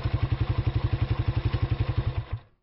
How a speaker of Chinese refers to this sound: 哎，这发动机怎么突然熄火了？